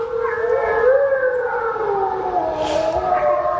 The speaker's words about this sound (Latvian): Tas tepat Latvijā. Tepat Latvijā. Tie ir vilki.